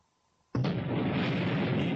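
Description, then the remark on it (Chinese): After a brief near-silence, an atomic bomb explosion, China's first atomic bomb detonation on 16 October 1964, erupts with a sudden, loud blast that swells into a sustained, heavy roaring rumble lasting to the end. “1964年10月16日，中国第一颗原子弹爆炸成功。”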